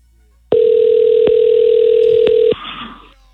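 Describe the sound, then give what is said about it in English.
A loud, steady electronic telephone tone from an outgoing phone call holds a single low pitch for about two seconds, then cuts off abruptly as the call goes straight to voicemail, followed by a brief burst of faint hiss and line noise. No one speaks. “Not only did she not answer the phone”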